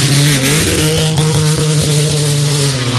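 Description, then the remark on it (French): The engine of rally car number 7 roars loudly as it launches from the start line, its steady drone breaking up briefly with uneven sputters before settling back into a strong continuous rev. “Alors, côté sonore, on a l'impression que la voiture l'a bafouillé.”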